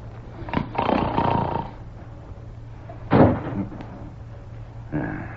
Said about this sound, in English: What was that? Sounded like the wind caught a hold of a door and slammed it shut.